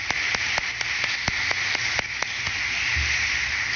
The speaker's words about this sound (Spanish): Vamos a darle un fuerte aplauso a ellos dos.